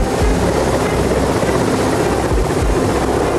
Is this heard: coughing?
no